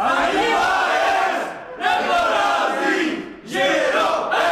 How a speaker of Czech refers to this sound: Vítězný pokřik mají hráči žirovského týmu nachystaný.